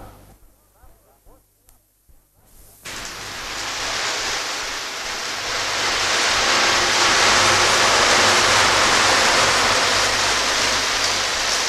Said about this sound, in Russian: Какой дождь!